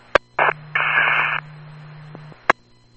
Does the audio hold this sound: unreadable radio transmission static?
yes